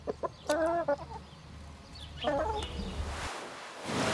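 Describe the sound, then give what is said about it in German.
Chickens cluck in two short harmonic bursts, the first around half a second in and the second near two and a half seconds, over a steady low hum and background noise, as the chickens are vaccinated against Newcastle disease near Friedland. “Hühnerimpfen geht übrigens ganz einfach.”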